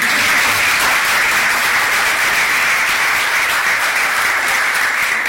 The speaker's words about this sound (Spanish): Acaban de pasar la primera gran prueba. Tienen talento, definitivamente. Hoy con las palmas, mañana con todos esos instrumentos.